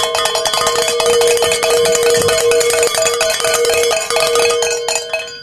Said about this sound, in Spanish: me tienes que ayudar a sonar las campanas, porque pues hemos llegado a nuestra meta de la última hora.